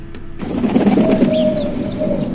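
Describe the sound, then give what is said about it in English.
A pigeon coos in a low, throaty, rolling burble that carries on steadily for a couple of seconds, with a few faint, higher bird chirps above it. “Talking Pigeon here. I'm sure that got your attention.”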